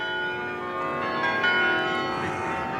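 Carillon bells in Utrecht, Netherlands, ring in a steady, overlapping wash of sustained tones, moderately loud and resonant, with no voices, the chimes blending into one continuous shimmer throughout.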